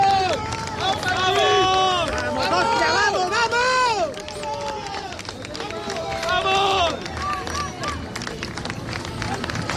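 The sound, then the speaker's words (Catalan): A crowd of about 150 fans cheers and shouts in rising, overlapping voices, with bursts of clapping breaking through the noise, especially toward the end, all loud, as the team bus arrives at the stadium. “Aplaudiments, unanimitat en els aplaudiments a l'arribada de l'equip a l'estadi Somos.”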